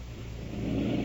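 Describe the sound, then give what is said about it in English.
A loud, continuous rumbling rasp of a woman's forced, labored breathing driven by oxygen equipment, swelling slightly toward the end with no pause and no voices. “Is it the forced breathing that's making the noise?”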